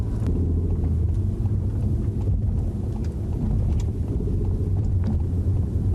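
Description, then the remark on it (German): Steady low rumble of a car driving a city route of about 4.5 kilometres with 11 traffic lights, passing the first light on green, with continuous engine and road noise filling the low end and faint clicks and ticks over it. No one speaks. “Und da war schon die erste Ampel, die wir bei Grün überfahren haben.”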